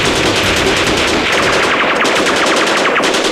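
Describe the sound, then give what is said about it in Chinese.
Loud, sustained automatic gunfire: a rapid, unbroken rattle of sharp cracks that keeps up its fast rhythm for several seconds, with no voices over it. “爷爷不陪你们玩了，射击！”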